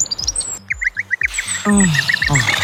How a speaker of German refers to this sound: Tatsächlich, Vogelgezwitscher kann uns Menschen richtig gut tun.